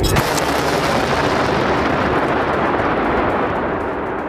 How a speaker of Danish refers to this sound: Som man kan høre her, har iransk stats-TV vist billeder af missiler og droner, der ifølge stats-TV-stationen blev sendt afsted mod baserne.